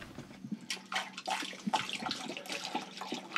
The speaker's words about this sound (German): So, gib mal Wasser hier rein.